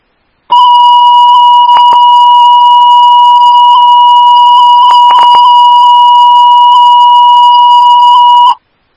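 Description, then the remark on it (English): A loud, steady electronic fire station dispatch alert tone for Woodbury Station 11F, paging a motor vehicle accident at the Keats Avenue North, 994 westbound ramp, holds one pitch for about eight seconds, with a few brief clicks breaking through partway, then cuts off abruptly. “Woodbury Station 11F, these are your tones for the Keats Avenue North, 994 westbound, ramp, motor vehicle accident, unknown injury, time is 1446.”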